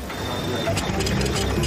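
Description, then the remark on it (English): A printer or scanner at the Ramstein Community Center runs with a steady mechanical whirring and faint rhythmic clicking, a thin high whine held underneath, getting a little louder partway through. “They even do faxing, printing, and scanning.”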